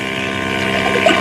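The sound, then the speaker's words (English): A motorboat engine drones steadily with a deep, humming tone as the boat approaches, holding fairly loud throughout the brief stretch, with no voices over it. “look through these night glasses and see if that's the same boat.”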